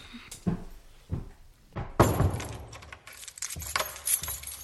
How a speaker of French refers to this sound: Aucune idée, mais nous devrons fermer et verrouiller la porte avant que quelqu'un d'autre rentre dans la maison. Elles descendirent en bas pour verrouiller la porte de leur maison.